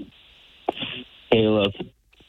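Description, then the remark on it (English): A caller's radio plays in the background over a phone line, thin and muffled, with a couple of brief voice-like tonal bursts at moderate volume. “Turn down your radio first. You got a lot of stuff going on there.”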